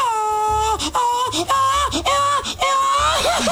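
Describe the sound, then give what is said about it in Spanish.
A man's voice lets out a string of loud, high mariachi-style gritos, wavering yells that slide up and down in pitch, broken by short breaths and falling off into trills. “¿Alguien ha enviado gritos de mariachi?”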